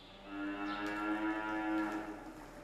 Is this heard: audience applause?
no